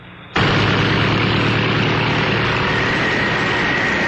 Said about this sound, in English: These giant fans whip up winds that could mean trouble for some little cars. But this little car is Ford's Pinto with a wider stance than any little import.